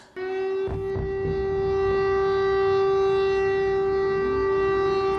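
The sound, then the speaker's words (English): A loud air-raid siren in Kyiv, Ukraine, sounding as Russian ballistic missiles hit the capital, holds one steady, droning wail for several seconds, its pitch wavering slightly toward the end, with no voices present. “So these were the sirens heard across Kyiv as ballistic missiles hit the capital, where fires have broken out and one person has been killed.”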